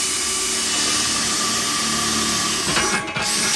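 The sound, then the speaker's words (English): A power drill whines steadily while boring through the centre of a new dish, its motor tone shifting and roughening near the end as the bit breaks through, with no talking. “So I'm going to drill the centre again.”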